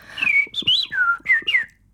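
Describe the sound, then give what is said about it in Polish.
In a studio, the Polish champion in bird imitation whistles an imitation of a blackbird's song: a clear run of about five fluting, gliding phrases, rising and falling in pitch, with no talking. “No właśnie, jak Państwo słyszą, niespodziewanie dość pojawił się kos.”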